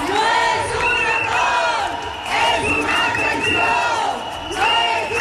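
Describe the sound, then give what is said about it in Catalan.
A large crowd of thousands of striking teachers and professors protests in the street, shouting and chanting together in loud, rising waves, many voices blending into a continuous roar with rhythmic swells and high-pitched cries on top. “Milers de mestres i professors han tornat a sortir avui al carrer en la primera de les 16 vagues que es faran el proper mes.”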